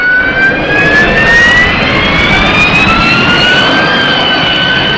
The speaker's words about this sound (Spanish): El mecanismo solo se conoce en aplicaciones de flujo supersónico, como el despegue y el aterrizaje verticales con motores a reacción, como la turbina de un Harrier.